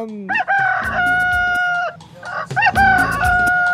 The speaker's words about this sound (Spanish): Dice, buenos días, también sacaste el gallo a cantar. Claro que sí, hoy es el gallito. Canta, gallito, canta.